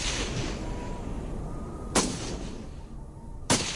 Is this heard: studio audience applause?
no